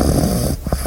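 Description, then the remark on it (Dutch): A puppy snores, a rough, rumbling breath followed by a few short snorting puffs, with no talking. “Eens luisteren wat je puppy daar zelf eigenlijk van vindt.”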